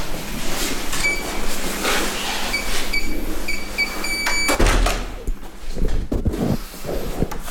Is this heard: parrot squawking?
no